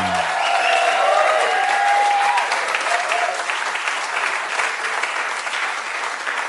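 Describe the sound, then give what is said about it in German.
Sustained audience applause at the Schlagerspaß show, a dense wash of many hands clapping steadily for several seconds, loud, with a faint tonal whistle or cheer rising early on. “Ich habe gerade eine gute Idee, weil ich den Applaus gehört habe.”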